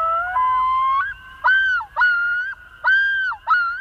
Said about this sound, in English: Loons!